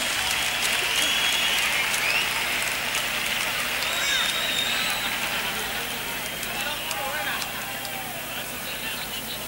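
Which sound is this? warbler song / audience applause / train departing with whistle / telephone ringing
audience applause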